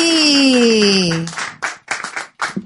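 Audience applause welcoming a performer onto a show's stage bursts in after a sustained, falling tone, loud, coming in uneven waves of clapping with brief dips between them.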